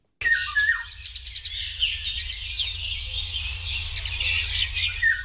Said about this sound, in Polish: Jeśli państwo nie mają świadomości, jak brzmi wilga, no to proszę wraz z komentarzem naszego pana ….